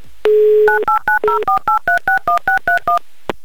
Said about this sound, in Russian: Номер телефона мы набрали, ждем соединения, ждем гудков.